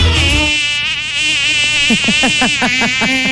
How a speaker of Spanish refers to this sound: Ya pues, salga de ahí. Sí, era una mosca, era una mosca.